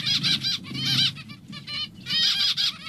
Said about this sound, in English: And one of the sounds that you really should be listening out for if you're doing any hiking at all is zebra finches, because they lead you to water, is my memory. So listen out for this sound.